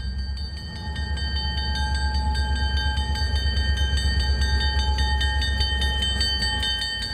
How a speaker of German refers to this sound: Gleich rollt der imposanteste Zug überhaupt ein, der berühmte Rocky Mountaineer.